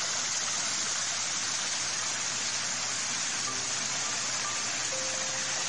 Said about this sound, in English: The waterways, streams, and rivers all meander gently down to rest briefly at ponds and lakes before continuing their journey toward the River Derwent. Their journey is one of such splendid sounds.